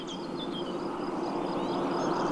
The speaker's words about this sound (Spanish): Este sonido está recogido en Peñacerrada, Urizarra, en el que no falta el paso del tráfico. Ahí va.